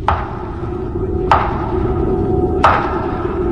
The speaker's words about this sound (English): Then I heard three slow, loud, distinct knocks at the head of my bed.